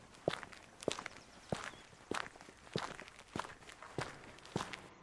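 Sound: footsteps walking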